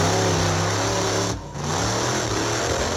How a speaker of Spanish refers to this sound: El vehículo está haciendo la pirueta, en ese momento se escucha el motor siempre acelerado y comienza la tragedia.